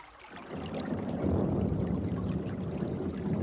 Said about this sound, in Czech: Sítě pořádně uvázat, Anče nanosit vodu do sudu, pstroužci musí zůstat čerství.